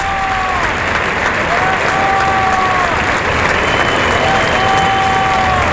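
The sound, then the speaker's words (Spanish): A large bullring crowd applauds bullfighter Lea Vicens as she goes to the center of the ring after the bull is killed, a dense even clatter of clapping with thin whistle-like tones drifting above it and no voices standing out. “Ilea Vicens, que se va a los medios, el público le aplaude.”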